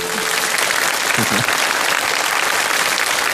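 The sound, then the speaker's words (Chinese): Loud, steady applause from an audience at a family poetry competition show, given for a teacher, fills the whole clip, a dense continuous clatter of many hands clapping at once with no pauses. “掌声送给贾老师。”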